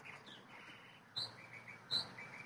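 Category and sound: bird, northern mockingbird song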